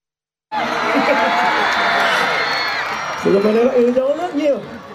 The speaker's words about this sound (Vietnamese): Trên quảng trường mùng 10 tháng 3, đông đảo người dân du khách cùng hướng về sân khấu, hòa theo những giai điệu sôi động. Tiếng vỗ tay, tiếng reo hò nối tiếp nhau tạo nên không khí náo nhiệt của một đêm hội giữa lòng Buôn Ma Thuột.